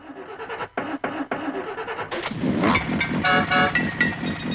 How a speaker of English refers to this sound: Sounds like me in the morning trying to get the old jalopy going.